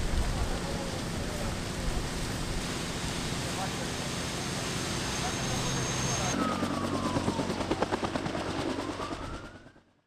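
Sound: firefighting aircraft flying overhead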